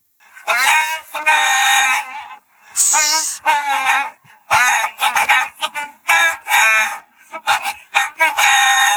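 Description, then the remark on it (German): A song melody sung entirely in imitated chicken clucks and squawks for a music quiz called Radio Gackack on Ego FM, a voice mimicking a hen in rhythmic bursts with short pauses between phrases, fairly loud, no ordinary speech. “Songs erkennen, die mit Hühnergegacker nachgesungen werden.”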